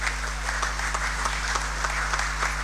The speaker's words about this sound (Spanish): Así que aplauso para todos.